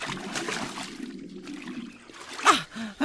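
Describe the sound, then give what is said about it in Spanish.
Water sloshes and trickles steadily, then a sudden, louder splash bursts out near the end as someone jumps into the water. “¿Fría o no? ¡También me meto!”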